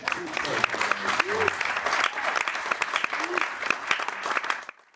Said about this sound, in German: Das ist auf jeden Fall ein Applaus wert.